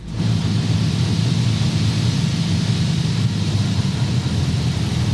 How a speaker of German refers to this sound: da sind Gerd und ich auch schon über Jüst und es geht in den Landeanflug